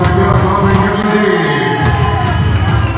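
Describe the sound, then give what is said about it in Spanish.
A baseball crowd of Leones and Piratas fans roars and cheers steadily, a loud dense wall of shouting and whistling as they call for a strikeout with the count at two balls and two strikes, with no single voice standing out. “El público haciendo ruido, pidiendo ponche.”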